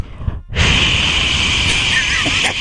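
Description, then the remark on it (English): After a brief muffled moment, a loud, steady rush of hissing noise bursts in as someone blows hard across a microphone, holding a harsh, wind-like roar for about two seconds. “And I create white noise over the mics.”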